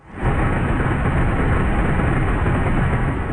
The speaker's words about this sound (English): Meanwhile, in southwestern France, a military plane drops fire retardant over a wildfire in Lacanau Forest. French President Emmanuel Macron has enlisted the military to support exhausted firefighters.